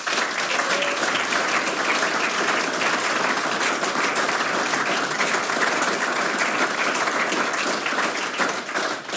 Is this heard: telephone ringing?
no